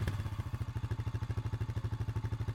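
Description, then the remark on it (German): A motorcycle engine idles with a steady, loud, low putter, its rapid even pulses chugging along without pause and no voices over it. “Das klingt wie Papas Motorrad.”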